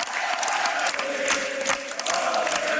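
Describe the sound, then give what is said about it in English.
A large crowd of young people, 18- and 19-year-olds, breaks into a different song and sings together in a loud, continuous wash of voices, with a sustained chant-like tone running through dense cheering and noise from a big gathering. “And at this, the crowd breaks into a different song.”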